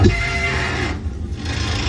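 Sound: squealing bridge in Hamburg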